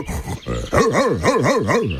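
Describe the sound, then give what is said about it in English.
A dog gives a quick run of rhythmic, wavering, loud barks after a brief lower growly sound at the start. No one speaks. “A dog.”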